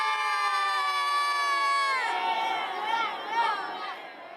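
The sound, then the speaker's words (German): A children's football team, waiting before a final match, lets out a long, sustained shout together, which breaks into excited overlapping cheers and yells. The noise stays loud throughout. “Und ich würde sagen, die letzten Jubelworte hat jetzt hier der Weltmeister.”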